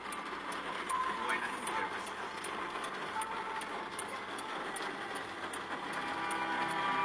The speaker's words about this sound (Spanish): Se escuchaba la lluvia también. Corresponsal de Radio Mix informando lluvia en la ciudad de Luque.